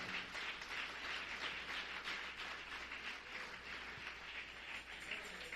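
A crowd breaks into sustained applause for God at night, a dense, steady wash of many hands clapping at once with no pauses, holding an even, moderate loudness throughout and no voices standing out.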